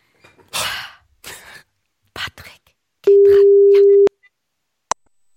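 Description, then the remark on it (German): A telephone ringback tone on an outgoing call to a typed-in number sounds once, a loud steady electronic beep lasting about a second, after some brief breathy noises and murmuring, followed by a faint click. “Deswegen habe ich die Nummer hier schon mal vorbildlich eingetippt und wenn du ready bist, würde ich einfach mal anrufen.”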